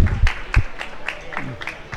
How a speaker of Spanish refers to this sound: Un aplauso, un aplauso.